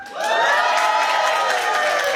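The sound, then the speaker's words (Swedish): A studio audience in the large music studio of Sveriges Radio in Malmö, during the final of P4 Nästa Stjärna, cheers loudly and steadily, a dense wash of shouts and whoops that swells in at the start and holds at full volume throughout, with no speech over it. “Vi är mitt inne i finalen och P4 Nästa Stjärna, vår stora musikstudio på i Sveriges Radio i Malmö, är full av folk, eller hur?”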